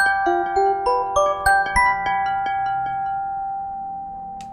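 A bright electronic notification chime plays a quick run of about seven clean, rising tones, then lets the final notes ring out and fade slowly. No one is speaking.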